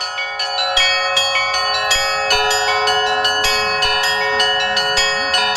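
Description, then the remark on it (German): Church bells in Yaroslavl, played by André, ring out in a rapid, continuous peal, overlapping strikes forming a bright, sustained chime with steady rhythm, loud, no voices present. “Und wir folgen nun unserem Guide Alek und dem Glockenspiel von André.”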